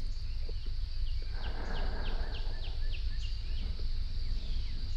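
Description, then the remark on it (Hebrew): Recorded birds chirp in a quick repeated series of short, bright calls over a steady background hum of insects, with a few fainter calls scattered around, heard outdoors, played at the start of a guided meditation. “נשים לנו קצת ציוצים של ציפורים, ניכנס לנו לחללית, ומי יודע, אולי גם נגיע לגן עדן.”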